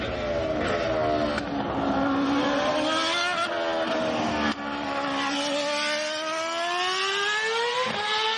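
A high-pitched Formula 1 race car engine screams continuously, its whine climbing and dipping through gear shifts over several seconds, loud and with no voices.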